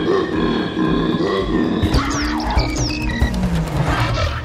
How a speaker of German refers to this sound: Der Koala klingt super komisch. Die Koala-Weibchen können übrigens auch so laut brüllen.